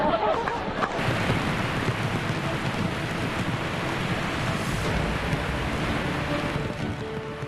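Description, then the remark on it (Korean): The Dokkaebi waterfall, swelling after sudden rain, roars steadily, a loud, dense hiss of pouring water that stays even throughout without pauses or changes in intensity. “질찬 물줄기가 몸집 불리며 거세집니다. 마침내 완성된 도깨비 폭포.”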